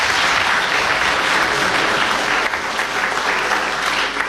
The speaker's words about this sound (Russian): Аплодисменти още веднъж за тях.